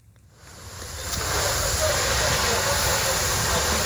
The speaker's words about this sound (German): Ein Feuerwehrmann schreitet im Morgengrauen über ein verkohltes Gelände. Seine Kollegen löschen letzte lodernde Flammen. Einsätze wie diese sind in der Ukraine Routine, so wie hier in einem Gewerbegebiet im Süden Kiews.